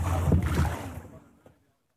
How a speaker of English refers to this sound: Despite the shortages and restrictions, fishermen continue taking their small boats into Gaza's waters, trying to secure whatever they can for their families amid widespread displacement and hardship.